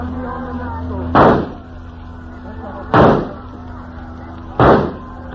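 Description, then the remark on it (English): Three sharp, loud rifle shots crack out at a steady pace, roughly a second and a half apart, each with a short fading tail over a continuous low droning hum, fired at a man in a bobbing boat a distance away on the sea. “That is real good shooting.”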